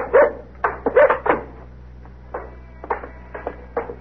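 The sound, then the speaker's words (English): A male dog barks in a quick volley of four loud barks, then trails off into several softer, spaced-out barks over a low steady hum. “Thought I'd forgot you, boy, huh? He's a nice dog.”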